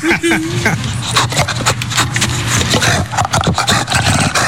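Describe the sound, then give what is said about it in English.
A loud call from the animal Smooch, harsh and raspy like a velociraptor's screech and like the sound from Jurassic Park, sounds in a string of rough, scraping bursts over a steady low hum, with a brief tonal squeal at the start. “Sounds like a velociraptor.”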